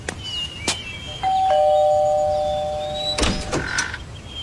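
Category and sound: household object, doorbell ringing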